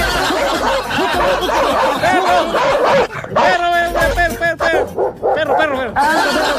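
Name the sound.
dog barking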